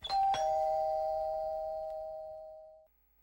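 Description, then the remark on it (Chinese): A doorbell chimes with a two-note ding-dong, its bright tones ringing clearly and fading out slowly over about three seconds in an otherwise quiet setting. It is pressed at night at the door of a bureau chief's home. “晚上我找到李局长的家，看看四周无人，赶紧按门铃。”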